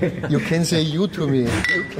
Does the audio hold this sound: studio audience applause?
no